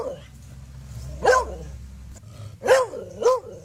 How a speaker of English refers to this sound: All right, more dog sounds.